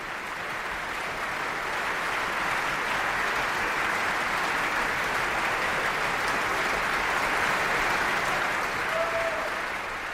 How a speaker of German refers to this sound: Viel Applaus für die Sängerinnen und Sänger, den Dirigenten und das Festspielorchester.